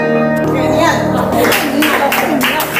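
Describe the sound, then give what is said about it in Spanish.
Sustained piano chords ring out, played by a member of the Pianos Vivos association at the AFAP centre in Barcelona for families of Alzheimer's patients; partway through, scattered clapping rises into steady applause over the fading notes, with a murmur of voices underneath. “Bueno, muy aplaudido por lo que veo al acabar, ¿no?”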